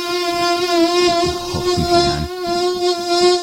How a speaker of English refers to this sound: Oh, man. The most annoying sound ever. Yeah, you got a mosquitoes.